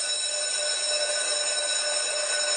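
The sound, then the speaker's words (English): A school bell rings on the first day back to school in Edmonton, Alberta, continuously without a break, a steady metallic jangle with bright, sustained harmonic tones that holds at an even loudness from start to finish. “Hey, that was a long bell. Still going.”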